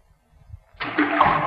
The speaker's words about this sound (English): You see this rock? I'm going to drop it down. Now, you'll have to listen hard to hear the splash. Ready? There she goes.